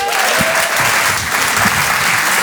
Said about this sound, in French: Je vous demande de l'applaudir très très fort, s'il vous plaît, et de l'encourager.